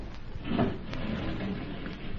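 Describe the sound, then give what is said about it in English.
A secret wall panel slides closed with a steady, low grinding scrape that swells briefly near the start, then continues evenly for about two seconds. No voices are heard. “Now, close the panel”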